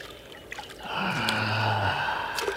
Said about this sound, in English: Boy, are my feet sore from all the climbing. I'm just gonna rest beside this spring here. Let my feet cool off in the water.